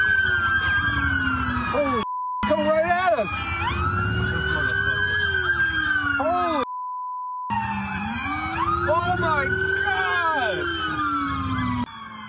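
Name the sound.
police car sirens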